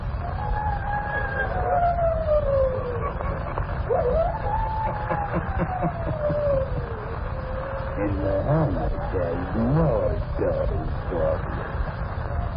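An eerie, wavering howl glides slowly up and down in pitch, sustained over a low, rumbling background and growing more warbling and agitated toward the end.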